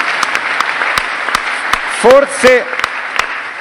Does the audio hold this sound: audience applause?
yes